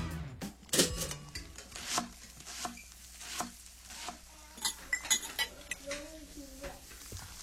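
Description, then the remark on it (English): Busy kitchen sounds: irregular clinks and clatters of dishes and cutlery, with knocks like chopping, occurring in quick bursts at a moderate level, with brief faint voice-like fragments in between. “Can you tell if the surfaces in this kitchen are crawling with bacteria that could cause chronic arthritis?”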